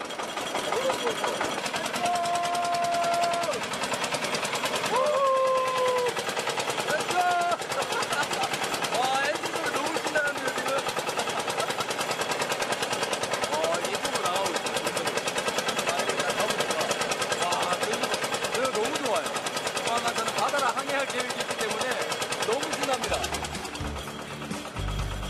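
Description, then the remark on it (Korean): A loud fishing boat engine chugs in a fast, steady rhythm as the boat gets ready to set out onto a lake for kapenta fishing, running almost without change, with a few faint voices underneath, before it cuts out near the end. “요란한 엔진 소리와 함께 출항 준비 완료.”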